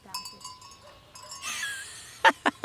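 sheep bleating

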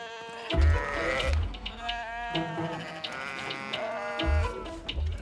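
sheep bleating

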